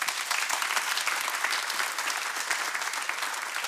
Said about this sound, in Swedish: Kan vi ge en applåd?